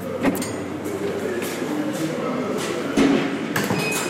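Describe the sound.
A heavy prison door slides and bangs shut a few times with hard echoes, over a steady rumble and faint voices.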